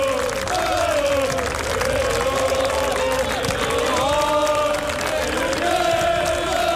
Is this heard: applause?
yes